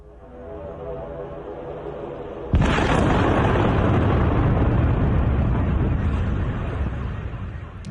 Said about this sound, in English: You see the impact of that drone strike, vehicle alarms being triggered by it.